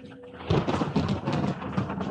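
A loud thunder crash breaks out abruptly and rumbles on over steady heavy rain, filling the whole scene with a roaring wash of noise.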